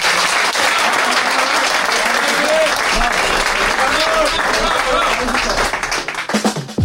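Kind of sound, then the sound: crowd, applause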